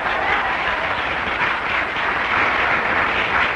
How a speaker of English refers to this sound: I don't like the way you're clapping tonight.